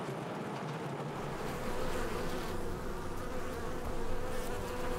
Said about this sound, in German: Rund 600 Bienenvölker sind in der Obstplantage verteilt. Das heißt, im Sommer bestäuben mehr als 36 Millionen Bienen die Apfelblüten.